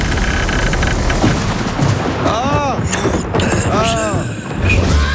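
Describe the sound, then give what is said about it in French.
A loud thunderstorm with steady, heavy rain hissing throughout and rough rumbling bursts, while a muffled voice briefly calls out partway through. “c'était l'orage derrière la porte de Sainte-Suzanne.”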